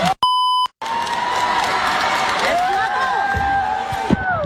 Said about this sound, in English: That's a lot of cheering, and I feel like that's adult cheering as well. That doesn't sound like that's just limited to middle school cheering.